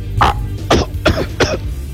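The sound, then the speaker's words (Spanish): A person coughs four times in quick succession, harsh, the bursts roughly evenly spaced over a low steady background hum, with no talking. “También dio tos.”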